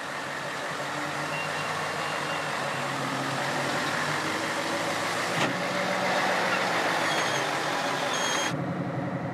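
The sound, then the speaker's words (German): The engine of a 75-metre-long heavy-haul truck convoy, four times the normal length and on its way to a wind farm, rumbles and roars steadily. It is a dense, continuous drone with a faint higher whine on top and a sharp click midway, and the hiss thins out just before the end. “Der ganze Lastzug ist 75 Meter lang. Viermal so lang wie normal.”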